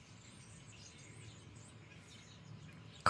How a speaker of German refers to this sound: Also keine Ahnung, was das für Vögel sind, aber die sitzen hier alle direkt vor unserem Studio auf einem Mast nebeneinander auf der Stange. Bestimmt 50 Vögel. Das ist ein totales Gepiepse. Sehr witzig.